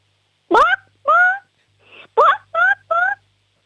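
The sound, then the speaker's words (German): A six-year-old girl from the state of Salzburg imitates a clucking hen during a sound game: about six short, squawky clucks in two quick bursts separated by a brief pause, fairly loud. “Okay, und jetzt hätte ich gern, dass du mal gackerst wie ein Huhn.”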